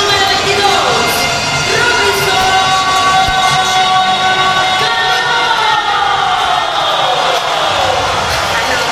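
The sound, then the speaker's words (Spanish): A large baseball stadium crowd roars in a sustained ovation for Robinson Cano after his grand slam, dense and loud throughout, with whistles and horn-like tones sliding over the steady wash of cheering. “Clase de ovación por parte de los aficionados para Robinson Cano, que se destapó con la cuchara grande, con un grand slam en lo que fue la sexta entrada.”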